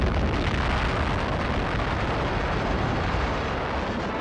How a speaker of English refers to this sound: Army cameras 6 miles away record the historic explosion.